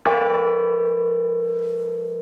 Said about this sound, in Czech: Přecházíme napravo od presbytáře, tady visí veliký zvon. Můžete trošku cinknout, oče?